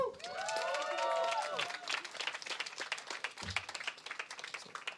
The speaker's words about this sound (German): Daher nochmal Applaus, bitte.